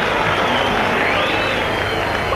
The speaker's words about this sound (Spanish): Mezcla de silbidos con aplausos. Salió un otro tímido aplauso.